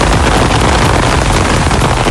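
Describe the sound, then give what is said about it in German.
Summer rain passing over Franconia (Franken), Germany, pours down in a steady, dense hiss, loud and even throughout, with a faint crackle of drops and no voices. “Und das ist natürlich nicht der Sound von irgendwelchen Schnitzelchen, die langsam in der Pfanne vor sich hin brutzeln, sondern das ist der Sommerregen, der heute über Franken rüberziehen wird.”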